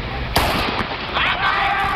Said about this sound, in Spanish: Esa atleta había empezado. Podemos decir que la carrera comienza con el disparo, pero el sonido tiene que llegar al oído, el cerebro tiene que procesarlo, el músculo tiene que activarse y el pie tiene que empujar el bloque.